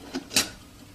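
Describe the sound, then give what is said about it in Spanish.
A man making coffee at a stove sets a metal lid onto a kettle: a soft knock followed a moment later by a brighter, sharper clink, fairly quiet, with nothing else around it. “Y tapa la tetera.”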